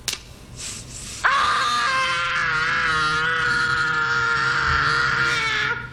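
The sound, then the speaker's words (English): A young boy, Macaulay Culkin in a movie scene, lets out one long, loud, sustained scream that starts abruptly after a second of quiet background and holds steady at full force for several seconds. “I will play the scream, and you got to identify the character or the movie.”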